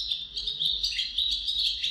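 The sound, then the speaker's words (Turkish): A Eurasian magpie, recorded in Ankara, calls in a dense, high-pitched run of chattering notes that carries on without pause for two seconds, clear, with no voices present. “Saksağını Kenan Çağlayan Kaya Ankara'da.”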